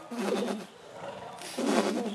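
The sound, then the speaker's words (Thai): Two soft, low, fluttering calls, gentle, from horses nickering to greet each other, each lasting about half a second with a short pause between them. “อย่างนี้ก็คือเป็นการสื่อทักทายกันเสียงทักทายกันใช่ไหมเริ่มสงบแล้วเห็นไหม”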